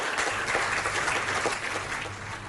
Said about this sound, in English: I want all of you to stand up. I want you to stand up and we clap hands for Gianni. We all stand up.